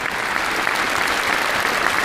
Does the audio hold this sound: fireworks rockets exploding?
no